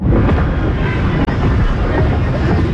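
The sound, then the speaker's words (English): Thunder rolls in a deep, continuous rumble beneath the steady roar of heavy rain during a storm at the Cincinnati Open tournament, staying loud throughout apart from a very brief gap midway. “Thunder like that is no deterrent”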